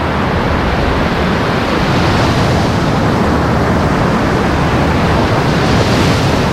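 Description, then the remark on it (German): Sea waves wash steadily onto the beach at Usedom, a wide beach of fine sand, in a continuous, loud roar of surf with gentle swells in intensity and no voices. “Wir hören ja auch schon hier das Meer rauschen, die Wellen.”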